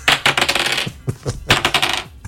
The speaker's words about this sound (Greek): Αυτό είναι ένα κρουστό, είναι αυτό. Πολύ. Και πολύ ευχάριστος ο ήχος. Και καθόλου εκρεμιστικός.